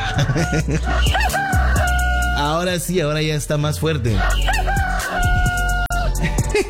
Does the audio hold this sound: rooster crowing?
yes